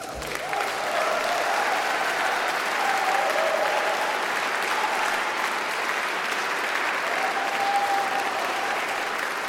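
Sustained applause from a large crowd at a live concert in the Rijksmuseum in Amsterdam, a dense, even wash of clapping at steady loudness throughout, with faint whistles or cheers rising briefly above it.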